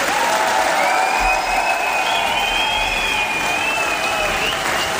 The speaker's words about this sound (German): Und das könnte euer Applaus sein.